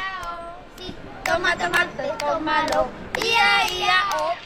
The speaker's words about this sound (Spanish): Sí, ellos, ya habéis escuchado, son niños y niñas que están jugando, correteando por aquí, por el polideportivo.